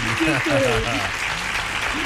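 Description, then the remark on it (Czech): A steady burst of applause from a crowd for a quiz contestant's correct answer about Jára Cimrman fills the whole moment, with a voice speaking over the clapping near the start and briefly again at the end. “Ano, potlesk jenom pro vás.”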